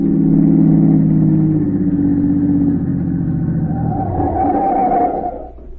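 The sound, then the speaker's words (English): A car engine drones loudly and steadily, its low harmonic hum shifting as the vehicle drives on, then rising in pitch as it accelerates before the sound eases off at the end. It is the smuggler's car, being followed in the early morning about 20 miles out of the city, where it turns into a small road. “he just managed to keep the smuggler's car in sight.”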